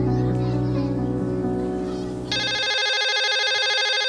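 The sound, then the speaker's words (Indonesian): A telephone rings with a bright, electronic, steady tone that cuts in partway through, following a stretch of warm, layered tonal sound; loud, with no talking. “Ketika kita mengangkat telepon, kita mengucapkan halo, yang berasal dari kata hello.”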